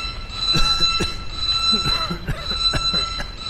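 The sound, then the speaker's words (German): A continuous high-pitched alarm tone rings steadily throughout, layered over clattering, rumbling background noise and muffled voices. “schalte Alarm aus.”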